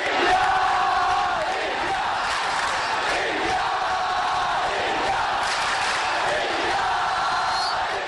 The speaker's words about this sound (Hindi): अगले 10 दिन सात समुंदर पार स्कॉटलैंड के ग्लासगो की फिजाओं में भी इंडिया इंडिया के ये नारे गूंजते सुनाई देंगे, क्योंकि आगाज हो चुका है 22वें कॉमनवेल्थ गेम्स का।